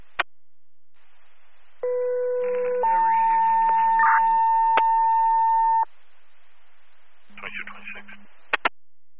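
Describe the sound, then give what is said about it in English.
Radio dispatch paging tones alerting the county ambulance and county fly car for an advanced life support assist to a medical alarm activation: a short lower steady tone steps up to a longer, higher sustained tone over a hissy radio channel, with brief clipped radio voices before and after. “Receive, we're toning the county rig for your ALS, the county fly car for your ALS.”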